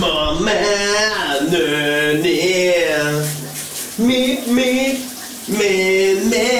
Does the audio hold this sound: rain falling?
no